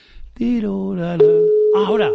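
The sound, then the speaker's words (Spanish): A steady, oddly beeping electronic telephone tone of an unanswered call starts partway through and holds unbroken to the end, heard beneath a person's voice talking over it. “no me lo coge tu madre, no me lo coge tu madre, no, es que pita raro.”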